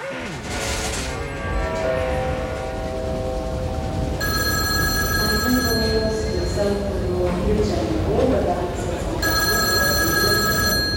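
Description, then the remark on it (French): A landline telephone bell rings in two bursts, a few seconds apart, its bright metallic trill cutting through a dense, busy background with voices murmuring underneath. “Le 27 novembre 1973, j'ai reçu un coup de téléphone sur mon fixe me disant « On est à l'aéroport, est-ce qu'on peut venir habiter chez toi ?»”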